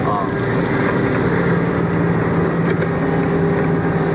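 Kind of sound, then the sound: vehicle, large truck engine running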